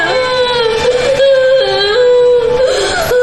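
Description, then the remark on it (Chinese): A child cries and whimpers in one loud, unbroken stretch, the high-pitched voice wavering and bending up and down with no clear words. “还哭，再哭打死你。”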